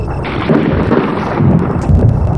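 A deep, continuous rumble of thunder outside rolls on for a few seconds, loud and heavy in the low end with a slight swell near the end, and no voices.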